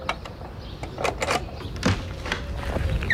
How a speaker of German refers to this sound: Oh, warte, ja, ich schließe die Tür wieder auf.